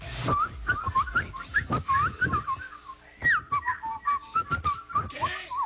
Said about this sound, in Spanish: No. Está muy verde ese chiflido.